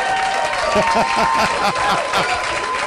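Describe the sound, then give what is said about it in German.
Applause from a crowd, a dense and steady wash of many hands clapping at once, fairly loud, lasting the whole three seconds without a pause. “aber ein Applaus ist es mir wert.”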